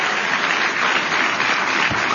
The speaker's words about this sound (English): And can we, I think the kids on the stage who are behaving very well deserve an amazing round of applause.